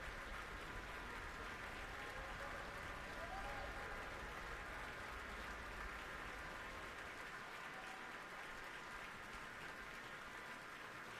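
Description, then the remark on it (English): Sustained applause from a large audience at Powell Hall in St. Louis for the St. Louis Symphony Orchestra, a dense, steady wash of clapping for the whole stretch, with faint voices murmuring underneath, as the conductor invites the orchestra to rise. “She's invited the orchestra to rise and is gesturing towards each section, redirecting the applause toward the orchestra.”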